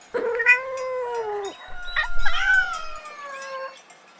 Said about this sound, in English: Cat. This is a cat. Cat. What does a cat say?